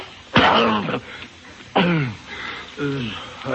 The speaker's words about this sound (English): Hey, Pop, you're choking.